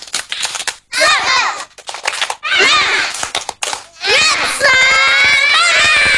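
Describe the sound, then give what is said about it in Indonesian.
A group of children does a 'tepuk semangat' (spirit clap) after a count of one, two, three. They clap in a quick, rhythmic pattern, with sharp hand claps coming in bursts while their voices chant and shout along loudly. “Kita tepuk semangat. Satu, dua, tiga. Tepuk semangat.”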